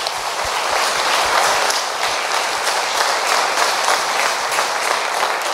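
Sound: audience applauding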